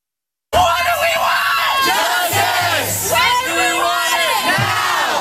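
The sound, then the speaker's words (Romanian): Hundreds of students protesting on the Cornell University campus shout and chant together loudly, a dense wall of raised voices rising and falling in waves, with no single speaker standing out. “Strigătul a sute de studenți indignați a răsunat în campusul Universității Cornell.”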